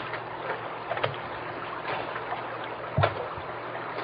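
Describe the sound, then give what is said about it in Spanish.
Water is splashed onto a person's face and head under a strong sun, sloshing and splashing with a couple of sharper splashes standing out from a steady watery wash; no one speaks. “Y antes de irnos, ¿qué te parece si nos echamos tantita agua en la cara y en la cabeza para refrescarnos?”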